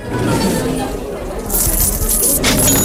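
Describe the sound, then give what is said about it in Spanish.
Coins and metal chains clink and jangle as English raiders who came to sack Cádiz empty chests of coins, chains, tableware and cloth. The sound grows louder and busier after a quieter start, with bright metallic rattling through the second half over a low background murmur. “Los ingleses que habían llegado para saquear Cádiz empiezan a vaciar cofres, monedas, cadenas, vajillas, telas y todo lo poco que habían logrado reunir durante aquella expedición desastrosa.”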